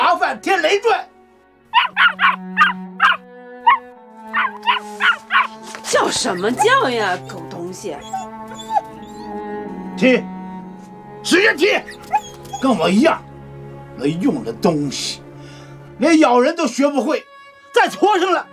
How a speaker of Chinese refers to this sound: 叫什么叫呀，狗东西！ 踢，使劲踢，跟我一样，没用的东西，连咬人都学不会，再畜生了也是个废物，踢死他！